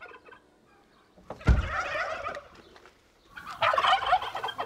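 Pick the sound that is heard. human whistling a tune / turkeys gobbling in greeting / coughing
turkeys gobbling in greeting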